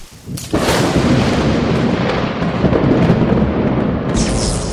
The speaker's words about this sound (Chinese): 这山里怎么突然就打雷下雨了？